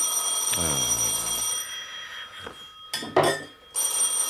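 A telephone bell rings insistently, a bright, steady metallic trill that continues for several seconds with a short break before starting up again.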